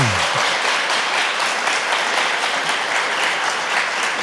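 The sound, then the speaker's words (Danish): An audience in a hall at a Bravo Live show applauds steadily, a dense, continuous wash of many hands clapping at an even loudness throughout, with no voices standing out. “Jeg vil sige, I klapper faktisk endnu bedre end dem i Aalborg.”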